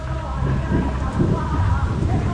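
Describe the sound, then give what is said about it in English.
Heavy rain pours down in a steady, dense hiss with a deep low rumble underneath, loud and continuous throughout, with no voices. “The rain kept coming, and the rain kept coming.”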